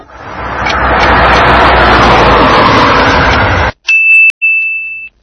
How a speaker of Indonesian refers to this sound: Sayyaratun, mobil.